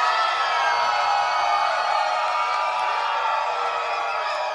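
A large audience screams and cheers at full volume on a count of three, a dense, high-pitched roar of many voices that holds steady for several seconds without letting up.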